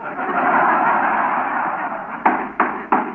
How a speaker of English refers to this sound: You're making big dents in that chair. Well, this arm is loose. I was just hammering it tight.